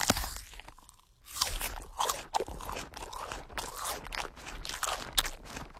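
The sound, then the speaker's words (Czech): A crisp bite into an apple, followed by several seconds of loud, wet crunching as it is chewed, with no talking. “Jasně, někdo si kousl do jablka.”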